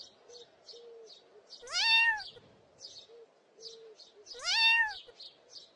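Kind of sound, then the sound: animal, kitten meowing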